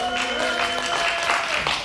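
A crowd cheers and claps together in a dense, steady wash of noise, with scattered shouts and a few sustained whistle-like tones rising above it for about two seconds, making noise on request to vote for the option "hexagon".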